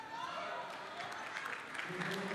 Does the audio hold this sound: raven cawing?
no